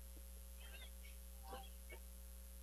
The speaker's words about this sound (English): I know it's such an unusual circumstance where the air conditioning in a visiting radio booth is keeping the air cold.